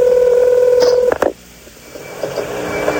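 A steady electronic telephone tone from a telephone number being dialed holds for about a second before cutting off with a couple of sharp clicks, leaving a quiet hissing line; no one speaks.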